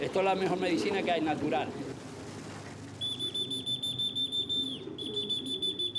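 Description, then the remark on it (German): A steady, piercing high whistle used to call trained pigeons sounds for a couple of seconds, held on one pitch with bright harmonics, while voices murmur underneath and earlier chatter fills the opening. “trainieren die Tiere mit Pfeifen und Füttern, damit die wissen, wo es lang geht.”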